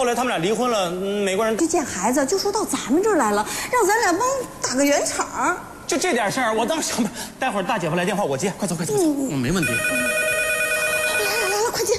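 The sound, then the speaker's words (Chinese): Lively voices talk and laugh, then a steady electronic telephone ring sounds clearly near the end, its even tone cutting through the chatter: an expected call from the elder sister's husband. “来来来， 快接，说来就来了，快。”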